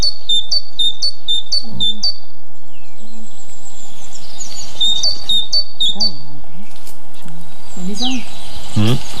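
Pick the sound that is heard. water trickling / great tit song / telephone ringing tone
great tit song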